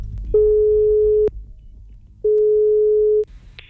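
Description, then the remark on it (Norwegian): A telephone ringback tone, as a call is placed to Ørjan Nyland, sounds twice, each a steady mid-pitched beep lasting about a second with a pause between, followed by a short click as the line connects. Nobody speaks. “Men skal vi ringe Ørjan Nyland og spørre om det der å dusje, ikke dusje rett etter trening, om det er greit?”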